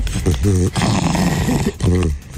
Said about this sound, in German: Da ist ein Fuchs, dem der Bauch gekrault wird. Wie niedlich ist das dann bitte?